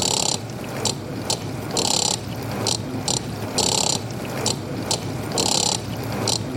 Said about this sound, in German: Jetzt versuche ich erstmal mit dem Mixer den Rhythmus von der Spülmaschine mitzuspielen.